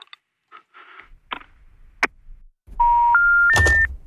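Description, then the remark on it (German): A phone call gets cut off: a few faint clicks and crackles, then three steadily rising electronic beep tones over a buzzing line noise. “Ich glaube, ich muss sie jetzt abklemmen.”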